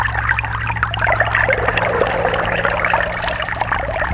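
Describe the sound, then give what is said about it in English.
Water trickles and patters steadily with many small bubbly drips, a continuous flow over a low, constant hum, with no voices. “And a trickle of life running through the bog, running through the soil with a drip.”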